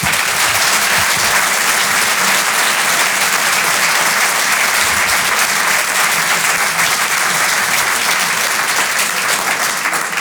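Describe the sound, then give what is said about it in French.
Loud, sustained applause from a large audience at the Rire et Chansons Comedy Club after a live song performance, a dense wash of clapping hands that holds steady for about ten seconds without any voices on top. “Un peu d'applaudissements très fort,”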